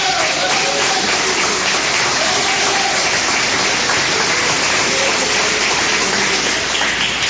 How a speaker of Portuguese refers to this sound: Amém? Podeis assentar, assentando as palmas que glorificam o Senhor.